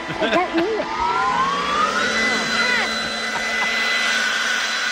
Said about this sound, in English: Did you see my leaf blower? No, I don't want you to. Turn it off.